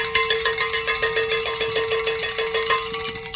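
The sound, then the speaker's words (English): Handbells, rung by men to celebrate meeting a goal, ring continuously in a rapid, jangling clatter, bright metallic tones overlapping with steady sustained pitches, loud and unbroken throughout with no voices. “Pick up those bells, gentlemen.”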